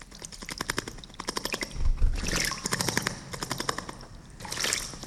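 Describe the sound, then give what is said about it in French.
A small bird splashes in water in quick bursts of rapid fluttering flicks, each flurry a dense crackling patter of droplets, separated by brief pauses and softer trickling. No voices. “Ça, c'est un oiseau qui se lave. Il se baigne, il se lave.”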